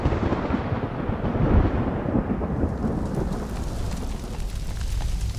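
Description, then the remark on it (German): A deep, rolling rumble of thunder from a tropical thunderstorm in the dry season swells and slowly fades over a steady wash of rain, loud for several seconds with no voices. “Wenn sich in der Trockenzeit tropische Gewitter entladen, kommt es schnell zu verheerenden Bränden.”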